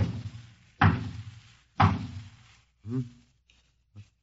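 knock

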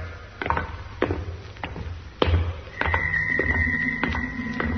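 door closing

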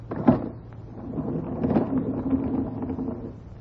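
door being opened

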